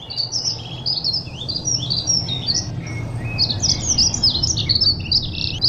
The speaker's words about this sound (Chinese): 山谷中的鸟鸣声此起彼伏，宣告着春天的临近。